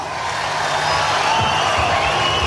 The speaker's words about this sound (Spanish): ¡El aplauso!